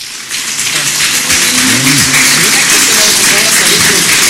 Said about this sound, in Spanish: Pues estos aplausos que escucha usted son para recibir afectuosamente, respetuosamente, a la ciudadana gobernadora constitucional del Estado de México, la maestra Gómez Álvarez, que ha arribado ya a este Salón Juárez